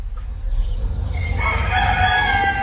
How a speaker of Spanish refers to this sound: 6 de la mañana. Los gallos, de azas de cesto, en Cantabria, se replican y reafirman tras las tapias de los corrales, estirando el cuello.